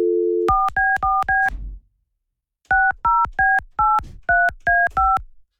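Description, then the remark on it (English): A brief dial tone gives way to a cell phone keypad being dialed to call a woman: four quick beeps, a short pause, then seven more in a steady rhythm, clear with no one talking. “Are you calling her cell phone?”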